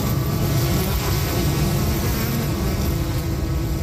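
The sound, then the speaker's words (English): A steady, unbroken drone of many honeybees buzzing together from behind a neighbor's fence on a summer afternoon in Regina, low and dense with a hissy edge, holding an even loudness throughout with no voices. “If you walk down a street here on a summer afternoon, you might hear a faint collective hum coming from behind a neighbor's fence.”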